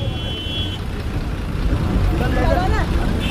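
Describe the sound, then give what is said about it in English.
A bus moving through traffic: a steady engine rumble and road noise throughout, with a thin high whine at the start and end and a brief squealing sound midway. “I jumped onto a moving bus and escaped.”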